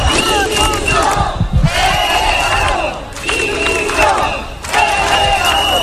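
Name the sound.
street protest crowd chanting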